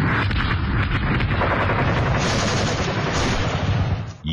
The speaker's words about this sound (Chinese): 1933年夏，沿着中央苏区越来越苏小的边界，枪炮声再次隆隆作响，国民党军对中央苏区的第五次围剿开始了。